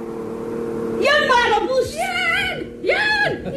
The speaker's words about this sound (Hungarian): Jaj, nekünk, jön már a busz.